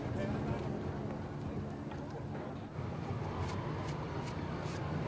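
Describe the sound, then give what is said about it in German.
Horses' hooves clip-clop in a loose, uneven rhythm of sharp knocks, clearer toward the end, against a steady rumbling outdoor background with a voice talking over it, as teams prepare for the Indian Relay race on the Blackfoot Nation festival grounds. “Jeder Reitstall hat eigene Farben und Logos, mit denen er seine Pferde schmückt.”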